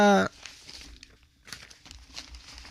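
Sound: newspaper pages rustling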